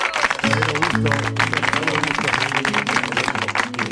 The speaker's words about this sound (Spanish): Hoy, en Vida y Obra. Jerónimo Rauch, vamos a aplaudirlo.